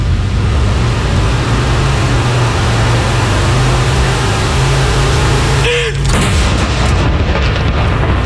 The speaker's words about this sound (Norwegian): Andre kanon!